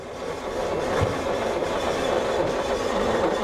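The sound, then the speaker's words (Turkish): A 1900 cc engine that had not been run for some time cranks over on its starter, with the ignition on and the starter button pressed, without firing. A stuck carburetor throttle valve is the cause. The sound is a loud, steady, rhythmic mechanical churning that runs continuously for a few seconds and never catches. No voices. “Şimdi marş düğmesine basarak çalıştırıyorum.”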